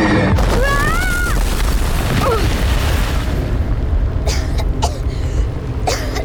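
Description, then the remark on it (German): A huge explosion as something falls from the sky and explodes, leaving a large crater: a loud, deep, booming roar that rumbles on for several seconds, with brief whistling and crackling sounds over the top. “Etwas ist vom Himmel heruntergefallen und explodiert.”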